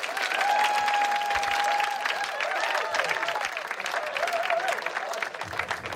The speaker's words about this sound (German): Ein Applaus für Max Schimmel-Bellig, Jasta Fritzi Bauer und Sebastian Vogt.